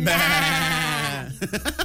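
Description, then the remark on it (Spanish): A goat lets out one long, loud, wavering bleat, its voice quavering steadily for over a second before a few short, choppy sounds follow. “el día de hoy nosotros te sacamos la duda y les vamos a comentar algunos datos y curiosidades sobre las cabras.”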